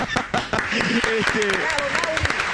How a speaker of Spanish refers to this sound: Se ríen los chanchos y este es el aplauso